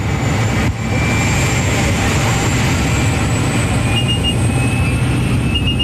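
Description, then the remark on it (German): A loud, steady engine roar fills the cabin of a tiny propeller plane packed with about ten people in colorful full-body suits, with a constant low drone and a thin whining tone running over it throughout, so loud one can hardly hear one's own words. “Zusammengequetscht wie Sardine in der Büchse hocken wir mit etwa 10 anderen Leuten in farbigen Ganzkörperanzügen in einem munzigen Flugzeug. Es ist dermassen laut, man versteht fast sein eigenes Wort nicht.”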